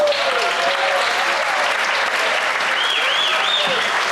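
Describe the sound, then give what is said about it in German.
Sustained applause from diners at the Hartmannsdorf Kirmes fair for the serving team, a dense, steady wash of many hands clapping, with a few faint whistles rising above it near the end. “Und wenn es Ihnen richtig gut geschmeckt hat, gibt es noch einen richtigen, kräftigen Applaus hinterher.”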